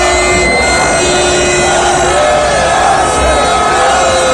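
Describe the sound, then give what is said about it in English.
A large crowd of Arsenal fans lining the streets of North London cheering at an open-top bus parade, a loud, steady wash of voices and shouts throughout, with thin whistle-like tones rising above the noise now and then. “Arsenal have put their Champions League disappointment behind them as fans lined the streets of North London for an open-top bus parade.”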